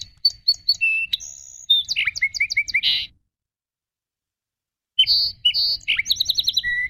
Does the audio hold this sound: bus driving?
no